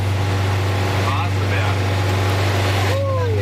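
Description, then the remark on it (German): A vintage bus engine labors loudly and steadily as the bus climbs the steep Waseberg hill at a snail's pace, its deep drone unbroken, with a faint whine rising and falling briefly above the rumble. “Da ging es hoch im Schneckentempo mit ziemlich lautem Motor.”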